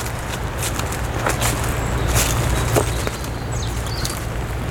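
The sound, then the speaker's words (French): Footsteps crunch and rustle through a carpet of dry leaves in the Estérel massif by the Var coast, in an uneven walking rhythm, over a steady low hum, with a faint high chirp near the end. “dans le tapis de feuilles.”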